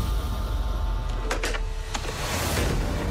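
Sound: door being shut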